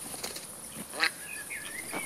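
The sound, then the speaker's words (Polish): Ducks stir quietly on a cold day, with a few short bursts of wing flapping and splashing, a brief sharp call, and faint thin bird chirps over steady outdoor background hiss. “A to kaczki są.”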